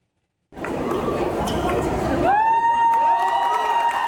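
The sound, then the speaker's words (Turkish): Wedding guests in a wedding hall in Rize, Turkey, cheer and clap in a loud, continuous crowd roar, supporting a newlywed couple playing volleyball over a net set up in the hall, then a long, steady high-pitched whoop rises over the noise and holds to the end. “Davetliler de alkışlarla kendilerine destek verdi.”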